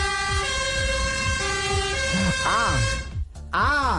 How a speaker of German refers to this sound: Warte mal. Das muss Schweiz oder Österreich sein, weil die Feuerwehr da den einen Ton länger hat. Good guess. Und ich sage Österreich? Ja!